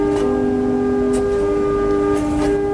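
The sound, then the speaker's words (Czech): A badly damaged pipe from a church organ is blown and sounds a loud, sustained, slightly rough whistling tone with steady overtones, wavering briefly mid-way, without any talking. “právě zapískal na jednu opravdu pohmožděnou píšťalu.”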